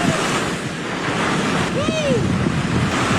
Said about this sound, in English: Newscaster is going viral, Mike Seidel. He got hit by the water just before going on the air. Ooh. He was getting close when he got smashed by a huge wave.